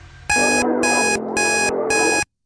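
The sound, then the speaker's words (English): A loud electronic alarm beeps in four rapid, evenly spaced bursts, with music playing continuously underneath it. No one speaks. “The trick is to ignore the alarm and listen to the song in the background, all right?”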